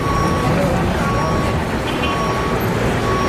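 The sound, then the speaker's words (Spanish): Steady, loud rumble of heavy trucks, cranes and construction machinery filling Teide National Park on Tenerife as it is turned into a film set, with thin tonal beeps cutting through the continuous engine noise. “El Parque Nacional empieza a llenarse de camiones, grúas.”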